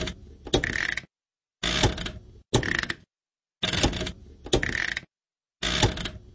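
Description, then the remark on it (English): The on-off switch of a household washing machine is worked repeatedly, giving six crisp mechanical clunks and rattles, each burst lasting under a second and separated by brief silences. No one speaks. “The on-off switch.”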